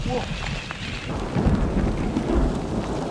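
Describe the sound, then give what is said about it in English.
A thunderstorm rumbles with deep, rolling thunder that swells around the middle and again near the end, over a steady hiss of falling rain. “On est en train de se choper un petit orage.”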